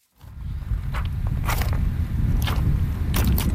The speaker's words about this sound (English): walks across the exposed riverbed of the River Rhine near the town of Bingen.